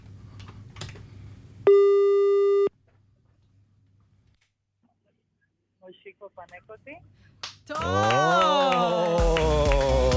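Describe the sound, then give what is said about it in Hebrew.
A single loud, steady ringback tone sounds for about a second on an outgoing surprise phone call, followed by near silence, a few soft clicks, then a voice starts talking over the line. “הנה זה בא, טלפון מצלצל.”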